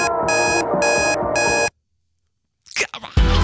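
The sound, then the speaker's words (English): A loud electronic alarm rings in three rapid pulsing bursts over music playing underneath, played as a quiz on a BBC early breakfast radio show, then cuts to silence before a voice briefly speaks. “Now ignore the alarm, listen carefully for the music playing in the background, turn your radio, your phone, your telly, your smart speaker up nice and loud and tell me, what's the alarm?”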